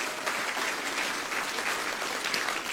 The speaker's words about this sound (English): I gotta just brag a little bit on my wife. She did absolutely amazing. If you can just give her a nice round of applause.